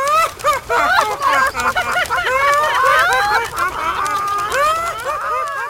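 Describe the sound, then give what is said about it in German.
A crowd of chickens clucks and squawks at once, their overlapping, agitated calls filling the whole stretch loudly, with no pause in the racket. “Blöde Flatterhühner. Nur weil ihr nicht fliegen könnt.”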